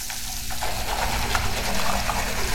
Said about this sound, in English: Guy's brushing his teeth and cleaning fruit. And filling a bowl. Brushing with water weighs up to 4 gallons. That's more than many people around the world have in a week. Okay. Please turn off the faucet.